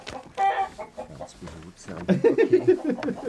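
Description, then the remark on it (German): Agitated hens cluck and squawk in short, excited bursts, loud, with a person's voice mixed in among the flurry of distressed chicken calls, as the hens are being caught to be put into a cardboard box. “Schlafend sind die Hühner leicht zu fassen, haben sie gehofft.”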